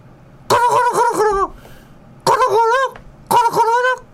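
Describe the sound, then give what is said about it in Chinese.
A person imitates a male turkey's gobble in three warbling, throaty bursts, each about a second long, fairly loud, with short pauses between them. “伊只火鸡公讲五六”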